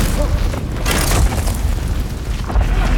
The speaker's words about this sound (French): On a senti comme des grands coups de tonnerre. Qu'est-ce qui se passe? Le sol tremble, les lumières vacillent.